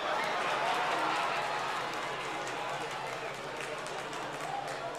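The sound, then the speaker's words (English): An audience claps steadily and fairly loudly throughout, a dense wash of many hands with a faint murmur of crowd voices underneath, tapering only slightly toward the end. “Oh yeah, clap.”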